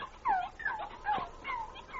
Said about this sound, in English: That sounds like a puppy. Where's it coming from? Over there, behind those bushes, I think.